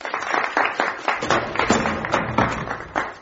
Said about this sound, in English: Applause for the Russian hero.